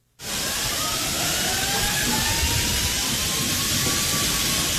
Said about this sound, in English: Yeah, you can hear the water. You know how the water goes off?